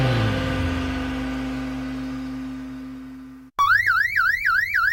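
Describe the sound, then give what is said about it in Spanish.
A loud electronic alarm siren in a radio advertisement for Santa Marina alarms and security in Cariló bursts in after an abrupt cut, warbling rapidly up and down in a steady repeating cycle, preceded by a sustained droning tone that slowly fades. “Solicite presupuesto para la instalación de alarma en su hogar o comercio.”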